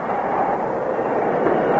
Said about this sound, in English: The brakes. Somebody pull the air brakes.